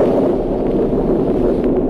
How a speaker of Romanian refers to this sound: Mare.